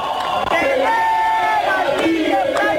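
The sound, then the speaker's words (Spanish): A crowd around Abelardo de la Espiga chants together after the result, in loud, sustained unison, many voices holding drawn-out melodic notes that rise and fall, with shouts breaking through the steady roar throughout. “Y escuchá lo que cantaban.”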